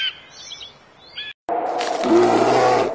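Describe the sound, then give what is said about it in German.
Birds chirp briefly in a quiet forest in Romania, then after a short silence four orphaned young brown bear cubs growl and squall loudly and continuously, with a rough, throaty, harmonic tone. “4 Bärenkinder allein im Wald.”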